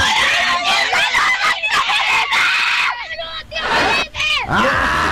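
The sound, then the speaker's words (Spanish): A loud group of children shouting and screaming a man's name all at once, their high voices overlapping in a continuous excited clamor with brief dips before the yelling surges again. “Ah, me encanta cuando los niños gritan mi nombre.”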